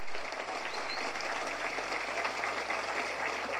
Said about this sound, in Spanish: muchas gracias y un fuerte aplauso para el gran pueblo de Capucú. ¡Felicidades!